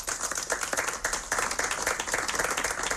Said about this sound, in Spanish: miembros de colectivos memorialistas y representantes del Ayuntamiento de Irún, entre ellos la alcaldesa Cristina Laborda, han guardado un minuto de silencio y han realizado una ofrenda floral que ha terminado en aplausos.